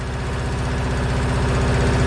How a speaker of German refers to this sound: ich finde ja, der Sound dieser alten Trecker, der ist wie Musik in meinen Ohren. Geht euch das auch so?